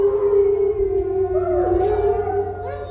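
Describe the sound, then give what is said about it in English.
Wild canids howl together in a sustained chorus, long wavering tones rising and bending over one another, loud, with a low rumbling background underneath and no talking. “That's when we hear them howl the most, as well as they'll howl overnight.”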